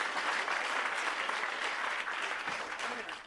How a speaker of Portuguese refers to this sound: Bate as palmas com as duas mãos.